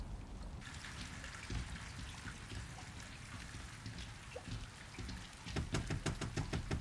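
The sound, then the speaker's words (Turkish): Heavy storm rain pours down in a steady, dense hiss, with irregular spatters and drips, and a louder burst of rapid drumming near the end. “Fırtınanın tam ortasındayız.”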